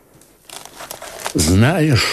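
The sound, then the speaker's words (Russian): Brittle old parchment, a paper taken from under a pillow, crinkles and rustles for about a second as it is handled, before a man's voice begins speaking over the end of the sound. The parchment is the will of Cardinal Cesare Spada, written on the morning of 25 April 1498. “Достань из-под подушки бумагу.”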